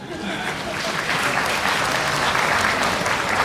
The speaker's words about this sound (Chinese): 非常感谢您的掌声。 哎，奇怪的是，掌声突然就停了下来呢。